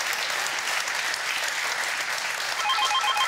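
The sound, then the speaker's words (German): Steady, dense applause sent to a caller on Sylt fills the whole stretch, and near the end a faint, pulsing telephone ring chimes in over the clapping. “Wir wünschen eine gute Fahrt und schicken den Applaus nach Sylt.”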